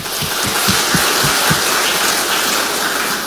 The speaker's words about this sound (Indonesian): Mari kita sambut dengan tepuk tangan.